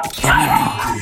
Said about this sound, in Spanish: No, el perro, escuché más al perro que a ti.